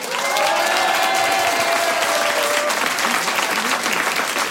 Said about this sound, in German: Wir schicken hier vom Kolsersberg einen riesen Applaus in die große, weite Welt hinaus.